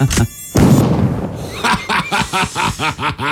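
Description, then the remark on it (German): A short mosquito buzz is cut off by a sharp swat, followed by a second of fading noise, then rhythmic snickering laughter. “Nimm das, Noah, mit deinen Mücken”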